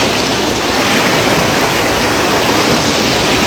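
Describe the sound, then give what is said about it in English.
A loud, steady roar of rushing water fills the scene, a dense, unbroken torrent like a swollen river in heavy current, with no voices. “Like that's a river that overflowed or something, right?”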